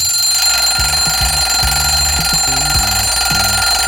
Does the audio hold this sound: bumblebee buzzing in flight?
no